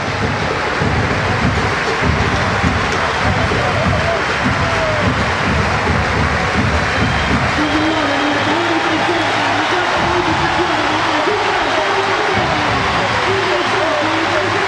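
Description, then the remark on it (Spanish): A large crowd at a football match applauds Cururú steadily, a dense continuous wash of clapping that holds at an even, loud level for the whole stretch, with faint cheering voices woven through it. “Aplauso para Cururú.”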